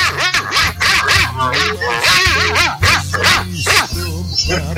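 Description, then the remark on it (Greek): A voice imitates a dog barking, a run of loud yelping barks and howly whines in quick succession, filling the whole stretch with hardly a pause. “Γάβγισέ μου λίγο τον Μπάκμαν, γάβγισέ μου.”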